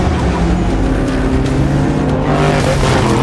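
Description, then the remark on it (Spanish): Race car engines roar loudly and continuously, their droning pitch climbing toward the end as the cars speed past, with no voices. “¿Qué clase de autos son esos?”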